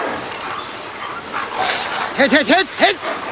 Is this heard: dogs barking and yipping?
yes